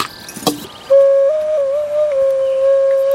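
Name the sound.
ocarina being played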